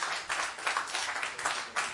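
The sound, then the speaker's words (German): A crowd claps steadily throughout, a dense, even patter of many hands with no voices, moderately loud and sustained for the whole stretch. The audience is applauding to vote on whether a recording by a pianist advances to the next round. “Ich möchte gerne Ihren Applaus oder Nicht-Applaus hören.”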